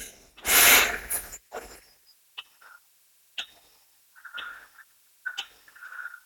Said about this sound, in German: Wir können sagen, ich habe einen Vorschlag, wir atmen gemeinsam. 4 Sekunden ein.